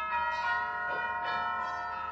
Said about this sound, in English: Hey, how can that be? I got it right here and still it... McGee, that's the new set of bells in the church down the block.